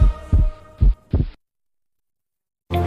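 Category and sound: sound effect, pounding heartbeat sound effect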